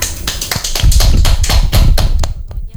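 Hands clapping in brief applause after a spoken piece on Atoin Meto culture of Timor: a quick run of sharp, slightly irregular claps that stays loud for about two seconds, then thins out and stops. No one speaks.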